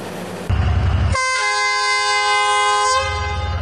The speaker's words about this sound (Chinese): 暑期以来，建水古城临安站内汽笛声声，复古的黄色木质车厢满载游客，缓缓驶出站台。